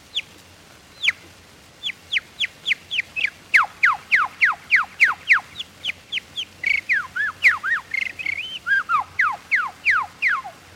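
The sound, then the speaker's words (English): A person whistles an imitation of birdsong with the lips, using them to start and stop each tone: a steady run of quick, sharply descending chirps, about two per second, clear, with a brief warbling flourish midway and no talking. “All birds, while singing, use their beak to start and stop the tone. I do the same with my lips.”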